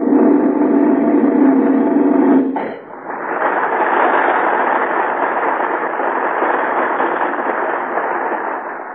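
A loud, rumbling roar of a firework going off cuts out with a sharp crack, then gives way to a long, steady fizzing hiss that slowly fades. No voices are heard.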